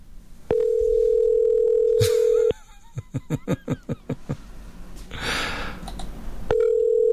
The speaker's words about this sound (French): Est-ce que c'est notre téléphone, coudonc? Non, c'est pas notre téléphone. Mais non, il fonctionne, ça sonne! Ben oui. Et juste à l'autre bout, ça répond pas.